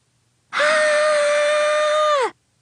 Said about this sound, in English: That was me screaming. Right now, I'm having a complete meltdown.